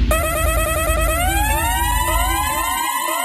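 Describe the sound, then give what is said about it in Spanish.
A loud siren horn blares, starting with a fast pulsing warble that shifts into a long rising wail, sustained for the whole stretch with no voices. “¿Quién tica esa bocina, mi manita? ¿Quién tica esa bocina?”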